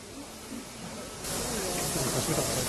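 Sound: steam locomotive hissing steam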